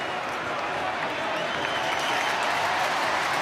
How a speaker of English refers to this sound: Number 9, Lockie Neal. A man that was booed all day, but when his number gets read out, he's a champion. And the crowd are cheering him now.